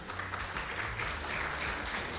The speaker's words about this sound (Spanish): Esto de nuevo gracias a Live Studio, así que les pido otra vez un fuerte aplauso para ellos.